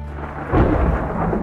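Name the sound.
thunder and rain storm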